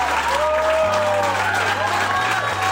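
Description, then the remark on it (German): A crowd cheers and applauds loudly and steadily after a nine-day, nine-night non-stop table tennis marathon world record by 650 players in Anzefar, a district of Kirchhain in Middle Hesse, Germany. Excited voices shout over dense clapping, with a low, sustained musical drone beneath it all. “Ah, großer Jubel natürlich nach 9 Tagen und Nächten und gleichzeitig ein wahnsinnig toller Moment und ein schönes Geschenk zum 800.”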